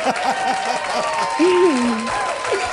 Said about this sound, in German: Das klingt ja fast wie ein Handy. Aber das ist mir ein Applaus. Das hört ja gar nicht mehr auf. Hier kommt ein Applaus.